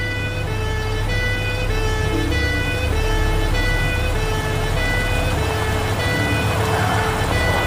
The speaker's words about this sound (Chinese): 关运总监的警车一路堵在鸣笛，你难道听不见？还是把警察也当成了劫匪？ 你看后面一直跟着警车在响，我更会以为你们是劫匪了。